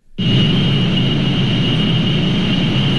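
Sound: data center noise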